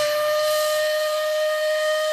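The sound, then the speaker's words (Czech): A steam whistle hoots in one loud, steady blast, a sustained mid-high tone with rich overtones and a breathy hiss of escaping steam, holding unbroken throughout with no voices. “No jo, to je divný a nikdy nehouká třikrát.”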